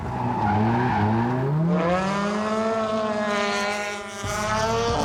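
A race car driven in qualifying by a driver new to the track roars loudly and continuously, its pitch climbing steadily as it accelerates, then dipping briefly near the end before surging again, with a hiss of tire noise underneath. No one speaks.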